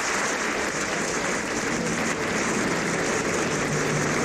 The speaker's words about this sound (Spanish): Extracto del último concierto dirigido por Juanjo Mena en la Quincena Musical Donostierra, que terminó con una gran ovación al director vitoriano.